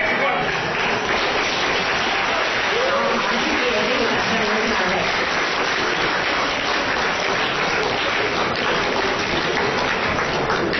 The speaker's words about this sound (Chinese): 谢谢大家掌声， 感谢大家。